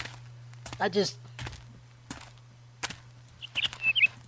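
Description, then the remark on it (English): A few short, high-pitched bird chirps near the end, fairly faint, following scattered clicks and footstep-like knocks over a steady low hum. “I hear birds.”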